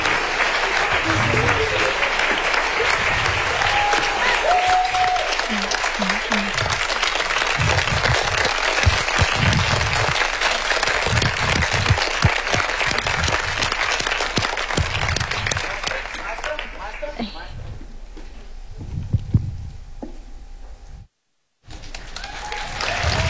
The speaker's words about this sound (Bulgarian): Аплодисменти, аплодисменти, още веднъж, дами и господа, добър вечер!